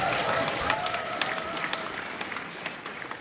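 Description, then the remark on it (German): A Jazz Baltica concert audience applauds steadily on a warm Thursday evening, 25 June, in the hall of the Maritim Hotel in Timmendorfer Strand, dense clapping from many hands filling the space with a broad, even roar, no voices standing out. “Das Publikum der Jazz Baltica freute sich bei sowas.”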